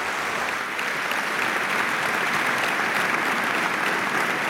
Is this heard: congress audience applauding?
yes